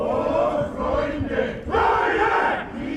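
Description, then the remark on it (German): About two dozen men of the Hutajat choir, on a stage at the harbour market square, shout together in unison a quotation from Beethoven's Ninth Symphony into the winter sky, loud and forceful, in sustained chanted bursts with brief dips between them, the massed voices harsh and rough. “Doch erst stürmen zwei Dutzend Männer vom Chor Hutajat auf die Bühne und singen, nein, schreien, Beethovens Zitat aus seiner 9.”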